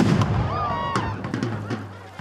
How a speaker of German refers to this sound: Alle an Bord! Vor! Und dann auf Nimmerwiedersehen Wallenstein ein letzter Kanonenschlag.